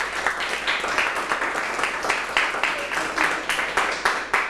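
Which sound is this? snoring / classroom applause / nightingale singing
classroom applause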